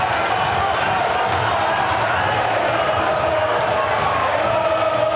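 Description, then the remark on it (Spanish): A large stadium crowd of angry fans at a Boca football match roars, shouts and hurls insults continuously near the tunnel at half-time, in a dense, angry wash of voices, with scattered louder yells rising out of the steady din. “Uno gritan y otro se insulta.”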